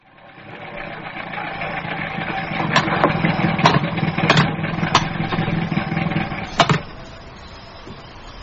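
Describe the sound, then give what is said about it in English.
A van engine runs steadily, a rough, droning idle with sharp rattling knocks and clicks breaking through every second or so; no one speaks. “listen to that engine. Just listen to it.”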